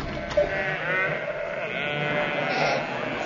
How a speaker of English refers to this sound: Curse it. More sheep. Where? In that room. Did you hear them?